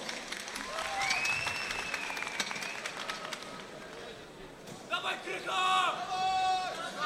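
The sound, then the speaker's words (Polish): A crowd applauds steadily throughout for both fighters as a fight begins, dense clapping mixed with shouts and cheers, and a burst of high, wavering voices and whistles rises near the end. “Zaczynamy, wielkie brawa dla obu zawodników.”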